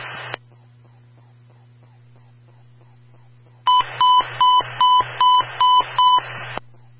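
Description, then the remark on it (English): An emergency transmission tone test on the North Hudson fire companies' radio: loud electronic alert tones over a steady radio hum, a short burst, a pause with faint regular ticks, then about seven pulsing beeps in quick succession, ending abruptly. “Attention all new North Hudson companies, stand by for the emergency transmission tone test.”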